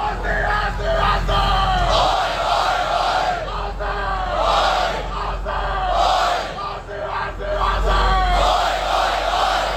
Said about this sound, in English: Garema Place in the city has been absolutely packed for today's live screening of the Socceroos World Cup clash against Paraguay, and it's been a vocal crowd to say the least.